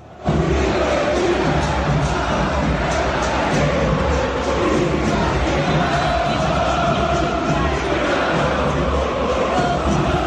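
A huge football stadium crowd chants loudly and steadily, a dense roar of many voices sustained for the whole stretch, with the rhythmic insult chant aimed at Tapia, 'vos sos hincha de Boca, la que te parió', rising over the din.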